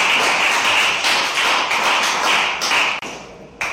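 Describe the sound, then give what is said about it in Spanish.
An audience breaks into sustained applause, a dense, steady wash of many hands clapping at once. It fades briefly near the end before surging back, with no voices rising above it. “Un aplauso, mis hermanos.”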